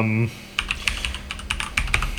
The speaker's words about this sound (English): You can hear me typing, can't you? Where is it? Yeah, okay. Just checking on the internet here.